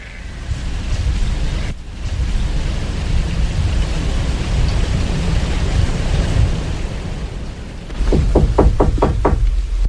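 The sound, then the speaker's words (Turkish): Heavy rain pours down during a severe storm in a steady, dense roar, briefly dipping before continuing; near the end a quick series of sharp knocks sounds over the downpour. “Tekkeye de yağar bu yağmur değil mi anne?”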